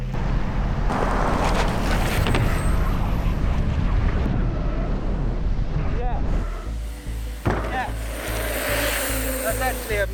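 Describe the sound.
A car engine roars loudly and steadily as it accelerates to jump through a lorry trailer, with heavy wind buffeting the microphone; the noise drops slightly partway through and muffled voices cut in near the end.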